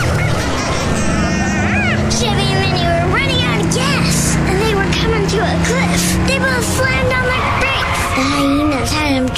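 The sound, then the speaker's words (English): Car engines rev loudly and continuously while tires squeal in rising and falling screeches as the cars race off through the savanna, revving to scare chasing hyenas, busy, with voices mixed in throughout. “… revved their engine to scare them.”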